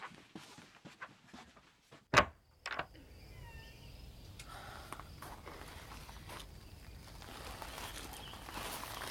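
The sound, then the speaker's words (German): A door is pushed shut with one sharp thud, then a softer knock just after, leaving faint shuffling steps and a low, steady outdoor hush. “Hast du die Tür zugemacht? Hab ich.”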